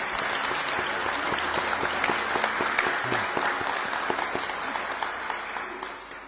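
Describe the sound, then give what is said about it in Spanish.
Sustained applause from a crowd for the children, a dense, steady patter of many hands clapping at an even level for several seconds before easing slightly at the end. “Gran aplauso para los niños.”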